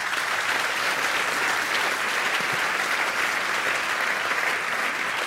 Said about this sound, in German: Wichtiger Hinweis, der Applaus galt der Aussage von Markus Feldenkirchen und nicht dem Namen Nikolaus Blume, weil ich den schon reingerufen hatte.